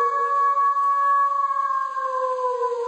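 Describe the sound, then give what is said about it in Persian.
A wolf's long, steady howl holds one clear, wavering note that slowly sinks in pitch over a few seconds. It sounds fairly loud, alone without any voices. “میخواییم یه سفری کنیم در دنیای گرگ ها.”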